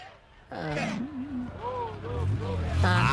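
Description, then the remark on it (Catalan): A low, steady car engine hum idles in the background while voices make drawn-out vocal sounds over it, the rumble swelling slightly toward the end. “Ah, no, escoltem el motor.”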